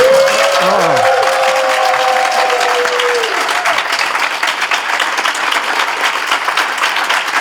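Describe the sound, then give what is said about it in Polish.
A live audience seated before the hosts of a radio broadcast applauds steadily, dense clapping filling the whole stretch at an even level, with a sustained tone and a few swooping cries riding over it in the first few seconds. “A to, co państwo słyszą, mówię do radiosłuchaczy, czyli takie echo oklasków i innych rzeczy, to nie jest nasza manipulacja, że mamy dźwięk z taśmy, tylko żywi ludzie siedzą przed nami.”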